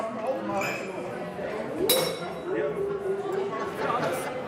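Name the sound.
glasses clinking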